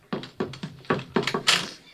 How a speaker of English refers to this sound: Mom, do you hear that? Sounds like Skip scratching at the door. I think it is.